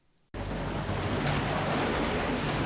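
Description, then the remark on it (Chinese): After a brief moment of quiet, loud ocean surf cuts in abruptly and keeps up a steady, rushing wash of waves, with no voices. “阳光、海浪、古厝，都在等着我们。”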